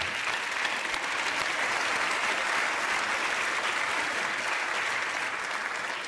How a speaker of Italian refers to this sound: un applauso per Monica che è qui con noi